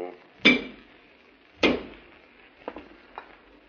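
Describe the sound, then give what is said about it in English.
Two sharp ceramic clinks of coffee cups and dishes being set on a table as Alpha serves coffee, followed by a few lighter taps and rattles of crockery, with no talking. “Put it on this table here and pour a cup for Dr. Dale.”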